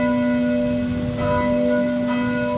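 Church bells of the neighbouring parish church, directly next to a school, ring steadily with rich, sustained metallic tones that overlap and hum together, fairly loud, with no voices.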